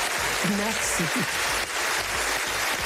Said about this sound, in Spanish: Larga y sin duda merecida ovación para ….